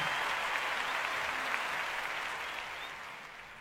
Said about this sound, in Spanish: fuerte el aplauso.